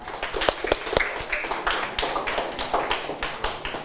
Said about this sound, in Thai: ปรบมือให้กับเพื่อนหน่อยครับนักเรียนนะครับ